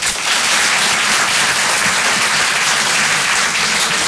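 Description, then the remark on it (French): An audience applauds steadily in answer to being asked who knows Carlos, many hands clapping at once in a dense, continuous wash of noise that stays loud for the whole stretch without a break. “T'as pour voir par applaudissement qui connaît Carlos quand même par applaudissement?”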